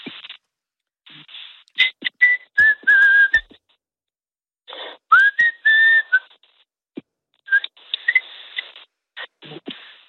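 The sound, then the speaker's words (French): A person whistles a melody in three clear phrases separated by short pauses, the tones sliding between notes, fairly loud with breathy noise around them. “Et je ne résiste pas à te demander de me siffler quelque chose, parce qu'il paraît que tu siffles très bien, que tu arrives à faire de très belles mélodies.”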